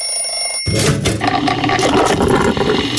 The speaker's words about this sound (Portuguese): Olha, pela qualidade dos mugidos e pela acústica dos badalos